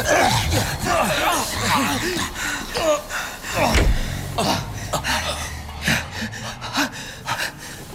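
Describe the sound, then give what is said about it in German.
A door is suddenly wrenched open with a loud, abrupt thud, amid startled gasps and agitated vocal sounds from several people. “Die Tür wurde hinter ihnen plötzlich aufgerissen und...”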